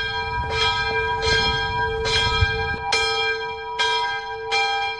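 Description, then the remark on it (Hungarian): A mausoleum's church bell, set ringing by a smartphone app while its rope sways on its own, rings steadily, its strikes landing roughly every 0.8 seconds with long humming overtones that blend into a continuous resonant drone, loud with no voices. “előveszi az okostelefonját, bekapcsol egy alkalmazást, és megszólal a harang.”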